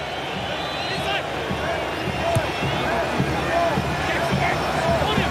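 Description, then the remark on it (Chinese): A stadium crowd at a football match involving England cheering in a steady, dense wash of voices, with scattered shouts and whistles and a few dull thumps, holding an even, moderate loudness throughout. “阿塞克球场现在虽然还是有着一些观众在欢呼，但是刚才那一段时间有那么几秒钟，似乎让我们想起了曾经的马拉卡纳球场，当年巴西和乌拉圭在那儿决赛的时候。”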